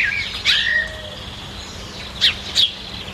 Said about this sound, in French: Elle reste sur son banc, au pied de l'olivier, et puis elle écoute les oiseaux chanter.